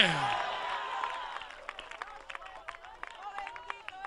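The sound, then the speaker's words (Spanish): A crowd's applause to the Lord starts as a loud, dense burst, then thins into scattered, uneven claps that keep sounding through to the end, with voices murmuring faintly beneath. “O dele fuerte ese aplauso al Señor en esta hora.”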